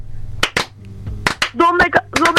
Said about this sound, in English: Well, we just want you to know how proud of you we are. Slow clap, people.